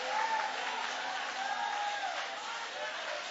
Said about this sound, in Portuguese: Aplaude a Deus, aplaude.